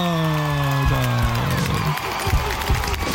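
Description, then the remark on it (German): A crowd cheers and applauds loudly, with sustained whoops and shouts rising over a dense wash of clapping that fills the whole moment. “Und dafür gab es noch Applaus vom Publikum.”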